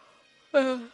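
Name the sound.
yawn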